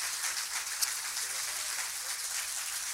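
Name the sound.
audience applause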